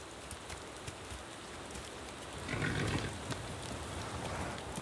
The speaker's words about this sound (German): Der heftige Dauerregen macht selbst den widerstandsfähigen Garanos zu schaffen.